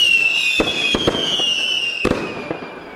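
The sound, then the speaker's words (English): Fireworks going off: a steady high whistle runs throughout while several sharp, loud bangs burst at irregular intervals, a couple coming in quick pairs, with no voices present. “Someone said I should make a big thing of it, so I don't know, fireworks or something, I suppose.”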